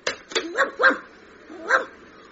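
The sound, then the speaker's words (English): A stray dog in a phone box gives a quick series of sharp, yappy barks: two clipped snaps, then three higher, whiny yelps with a brief pause before the last, with no one talking. “Hang on, look, there's a stray dog in the phone box.”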